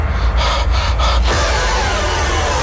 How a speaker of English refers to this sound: Just a lot of heavy breathing in that trailer, isn't it? I feel like that's a scary movie standard, isn't it?